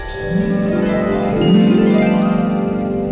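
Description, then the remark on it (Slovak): A steady, shimmering metallic tinkle like small brass bells, ringing continuously over a low pulsing drone, moderately loud, with no voices. “Zrelé klasy. Ani čo by zvonili mosacné zvončeky.”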